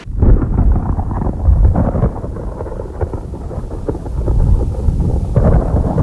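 Deep, continuous rumbling thunder rolls on for several seconds, swelling and ebbing at a fairly loud level, like a storm drawing near with no voices over it.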